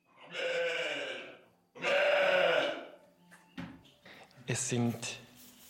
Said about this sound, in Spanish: Son ovejas de lana de la raza nariz negra de Valais, mezcladas con unas ovejas de Jacob. Suena muy emocionante, pero cuando veáis las fotos, veréis que son criaturas maravillosas, majestuosas y nobles.